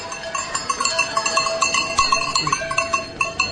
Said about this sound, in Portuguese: Trazemos as vacas para levar para a serra. Devem estar aí 60, à volta de 60, 70. E é a tradição antiga, nós passar, trazer o gado agora para a serra.